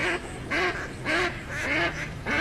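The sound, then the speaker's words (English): Ducks quack in a steady run of about five raspy, nasal calls, evenly spaced and fairly loud, over a faint background hiss with no voices. “Do you hear that? Now that's music to my ears. Time to gear out for bird season.”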